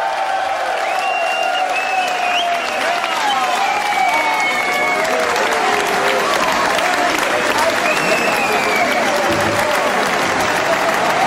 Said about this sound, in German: Riesen Applaus für Ted Heroy!